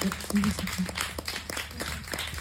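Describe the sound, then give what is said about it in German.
A crowd applauds as a curator for Communities in Education is welcomed onto the stage, with steady, dense clapping that continues throughout at moderate volume, with a low murmur of voices underneath. “Einen großen Applaus.”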